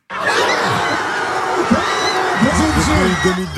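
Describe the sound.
A packed bar of football supporters cheers loudly and continuously during a Champions League final involving a French club, a dense roar of shouts, whoops and laughter, with one voice briefly speaking over the din.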